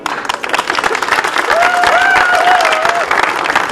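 A crowd applauds steadily and loudly for the association's chairwoman, dense clapping filling the whole stretch, with a faint voice or cheer rising briefly in the middle.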